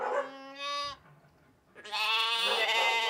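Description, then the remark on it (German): Bottle-fed lambs waiting for their milk bleat loudly: one wavering call, a brief pause, then a second, brighter and longer bleat. No one speaks. “Und dann sind da ja noch die Buddellämmer, die auf die Milch warten.”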